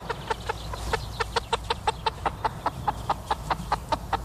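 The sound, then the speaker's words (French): Many Loué label broiler chickens on a poultry farm in Souligné-Flacé, Sarthe, cluck in a steady, rapid chorus of short calls, fairly loud, over a low rumbling background with no one speaking. “est allé à la rencontre d'un éleveur de poulets, fermier de Loué, on l'entend.”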